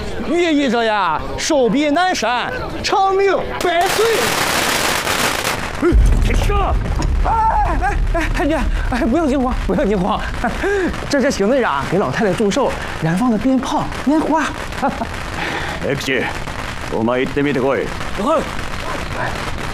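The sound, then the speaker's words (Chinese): Firecrackers and fireworks set off by Captain Xing to celebrate an old lady's birthday burst in a loud crackling rush, then low booms rumble on while several people keep talking excitedly over the noise. “这是行队长给老太太祝寿，燃放的鞭炮、烟花。”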